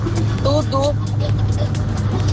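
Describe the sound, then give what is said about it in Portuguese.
Steady low engine hum and road rumble from inside a moving car coming from Amazonas and getting onto the Via Expressa near Gameleira, with no traffic, continuous and fairly loud, with a man's voice talking briefly over the noise. “Pegando a Via Expressa aqui perto da Gameleira.”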